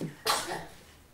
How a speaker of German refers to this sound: Gesundheit! Es geht ihm gut. Naja, bloß weil er einmal niest, ist er noch lange nicht sterbenskrank.